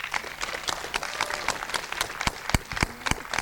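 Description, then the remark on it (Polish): Dense, steady applause from an audience at a foundation's exhibition stand, applauding a blind scientist who is developing the Tyfloarea idea: many overlapping claps forming a continuous crackling wash, with a few louder, sharper claps standing out near the end. No voices are heard. “brawo dla niego!”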